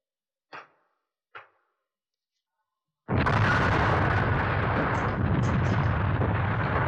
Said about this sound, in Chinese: 随着这一声巨响，拳头大的石块铺天盖地的向敌人砸下去，敌人就像开水浇了蚂蚁窝